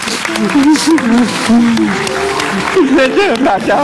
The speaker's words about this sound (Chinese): 好，我们掌声送给你们，回家。